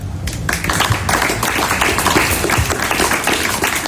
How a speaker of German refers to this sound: Es gab großen Applaus bei dem Fest gestern. Es war auch einiges los.